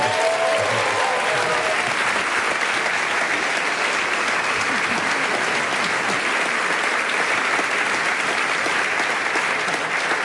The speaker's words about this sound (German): Also nur, falls das meine Kommentatorinnen und Kommentatoren nicht mitbekommen haben, die Unzufriedenheit mit dem Wahlergebnis ist hier im Saal sehr groß. Also es gab mehr Applaus für Unzufriedenheit als für Zufriedenheit.